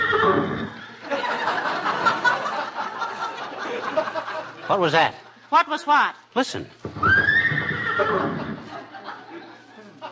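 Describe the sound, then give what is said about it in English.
Between stretches of conversation, a horse lets out a loud, quavering whinny in two or three wavering bursts before the voices resume. “Great Dane? Sounded like a horse to me.”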